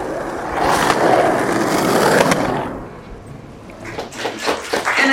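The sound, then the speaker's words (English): Outdoor ambience on the Venice Beach boardwalk in Los Angeles: a skateboard's wheels roll and grind for a few seconds, then fade, followed by sharper clacks and knocks over a steady background hum. “Venice Beach.”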